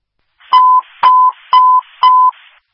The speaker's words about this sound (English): Stockbridge Fire, secondary tones for mutual aid in Livingston. Unadilla Township Fire Department at 116 Main Street.